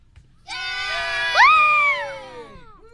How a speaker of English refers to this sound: We're here with a bit of a crowd, guys. Make a little bit of noise.